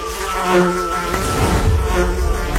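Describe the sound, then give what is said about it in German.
Bees buzzing, a steady droning hum that wavers slightly in pitch and loudness for a few seconds, with no voices. “Bienen sind so viel mehr als nur Honigproduzentinnen.”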